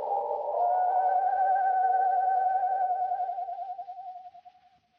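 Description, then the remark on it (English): A person imitates an owl's mournful screech as a signal call: one long, wavering, sustained mid-pitched wail holding steady for several seconds before trembling and fading out, with no other sounds. “No wonder the mournful screech of the owl had a familiar sound to Chuck.”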